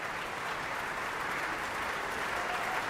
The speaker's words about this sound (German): der seinen Applaus entgegennimmt.